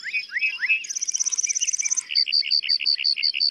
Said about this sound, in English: Male lark buntings perform elaborate flight displays to attract mates and fend off rivals.